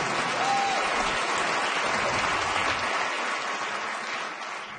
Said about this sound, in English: I don't know if you guys are clapping because I have self-esteem or I like Slurpees. I don't know, but I'm not going to try to choose because I think it's cool both ways.